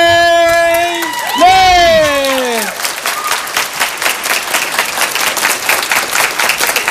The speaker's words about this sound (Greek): Αυτά είναι, μπράβο, μπράβο, μπράβο. Ευχαριστώ πάρα πολύ για το χειροκρότημα